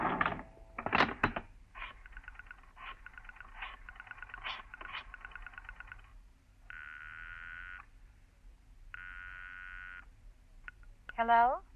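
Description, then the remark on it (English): A telephone is dialed in a phone booth near the door of a bar: a few clunks, then bursts of rapid rotary-dial clicking, followed by two steady ringing tones through the line and a short rising tone at the end. “It's almost 11 when you make up your mind. There's a phone booth near the door.”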